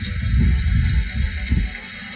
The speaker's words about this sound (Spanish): mira, te comparto un video, cómo está lloviendo aquí en San Luis Potosí, mi Martín. Ahorita te mando para allá el agua, mi Martín.